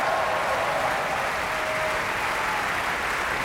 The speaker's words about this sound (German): In Reihe und Glied stehen sie da, die Solistinnen und Solisten, und verbeugen sich, holen sich den wohlverdienten Applaus ab beim Münchner Publikum nach 3 Stunden 45. Reine Musikzeit.